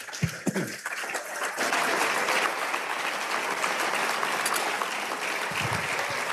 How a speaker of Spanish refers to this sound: Si va a aplaudir, aplaudamos todos.